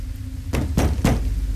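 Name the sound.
knocking on a door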